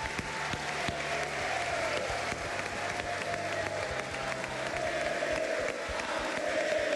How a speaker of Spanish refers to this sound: Quiero pedir un aplauso para el director, para el dueño de este colegio